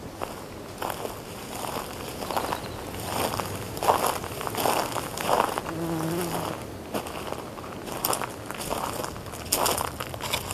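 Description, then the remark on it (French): Steady footsteps crunch over dry, brittle ground at an unhurried walking pace among wind-swept pines, at the start of a 6-kilometre walk to the ocean. A faint insect-like buzz hums in the background, and no one speaks. “Sur ce sol qui croustille, plus exactement”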